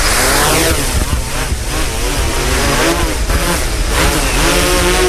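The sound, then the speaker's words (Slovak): A drone's propellers are started by remote control while it sits on a takeoff surface; they spin up into a loud, steady buzzing whine, the layered motor tones sweeping in pitch at first and then wavering as the rotors hold speed for several seconds. “Takže máme prepojenie s bezpilotným lietadlom, štartujeme vrtule.”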